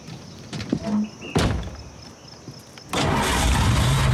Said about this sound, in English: Try the engine. Just like that? Just like that.